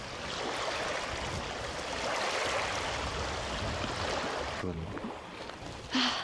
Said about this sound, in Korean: 바다 같아요. 이 호수 물소리도 파도 소리 같아요. 물소리에 귀 기울이며 걷기만 하는데도 힐링입니다.